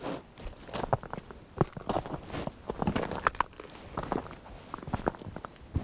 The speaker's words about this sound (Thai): ตอนนี้น่าจะถึงใจกลางของแม่น้ำแล้วฮะเราสามารถเดินบนแม่น้ำได้โดยไม่ต้องใช้เรือแต่ว่าเดินเป็นเพนกวินนิดนึงนะเพราะมันลื่นเดินได้ทีประมาณ10เซนการเคลื่อนไหวช้ามาก